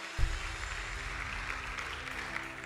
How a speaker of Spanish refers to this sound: Bueno, denle un aplauso a Dios si no es una carga.